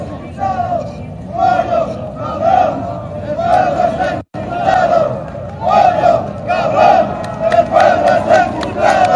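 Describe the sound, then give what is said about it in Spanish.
A large crowd in a mass protest march in the city of La Paz, with thousands of marchers descending from El Alto, cheers and chants in loud, rhythmic surges, with clapping from La Paz residents mixed into the steady roar. The noise cuts out for a split second midway, then carries on. “También podemos escuchar acá los aplausos de la gente que está respaldado también de la ciudad de La Paz.”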